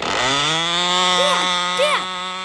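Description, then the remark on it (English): A boy's small model airplane engine runs continuously with a loud, high, raspy buzz, holding a steady pitch with a couple of brief wavering rises and dips, and no voices. “Right now, my son is more interested in models. Airplane models, that is.”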